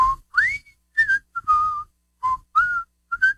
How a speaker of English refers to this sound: I hear you're still whistling.